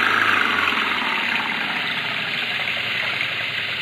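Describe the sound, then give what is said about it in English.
A car engine revs in mud, roaring steadily with a loud continuous drone, a gritty, straining texture and no clear pauses, with no voices over it. “They're stuck in the mud. Give it the gun”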